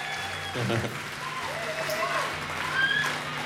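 A concert audience applauds the opening act steadily, a dense wash of clapping that holds for a few seconds, with a short cheer early on and a high whistle rising over it near the end.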